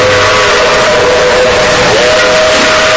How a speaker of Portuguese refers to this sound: É, ouvinte, a Maria Fumaça vem cortando as montanhas de Minas Gerais.